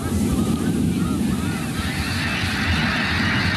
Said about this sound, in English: That big whoosh is the wings of 1,000 snow geese beating together, creating a rush of air like a passing freight train. Here it is one more time. As the tornado of geese whirls in the air, their calls build to an enormous crescendo.